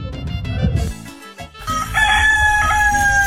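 A rooster crows once, loud, its long strained call stretching out over the final second and a half after a brief rustle of clucking and noise.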